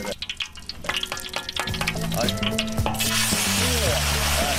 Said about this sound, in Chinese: 然后将切好的鸡丁倒入锅中翻炒，大火煎熬出鸡肉的肉汁与菜籽油混合在一起，香气四溢。